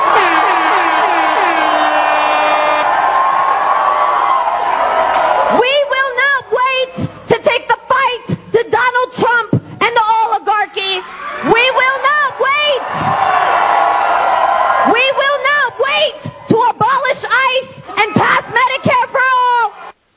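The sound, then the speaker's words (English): A large rally crowd roars and cheers for several seconds, then a single voice shouts forceful phrases such as "We will not wait!" into a microphone in short bursts with pauses, the crowd's noise lingering faintly underneath. “See, it's different when they're screaming it into a microphone to their rabid fans.”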